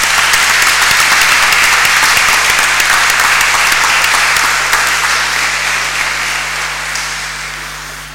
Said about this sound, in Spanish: Le invito a que nos pongamos de pie y le demos un aplauso a quienes nos han venido a acompañar.